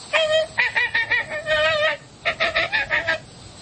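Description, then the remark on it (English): American flamingo honking calls, a rapid series of nasal, goose-like honks in two loud bursts with a brief pause between them. “And the American Flamingo.”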